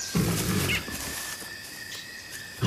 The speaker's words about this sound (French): À peine avait-il fait quelques pas qu'il entendit le feulement d'un tigre.